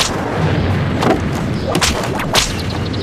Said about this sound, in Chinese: 我最讨厌这种皮鞭子抽进皮肉里的声音，真是让人烦闷不堪。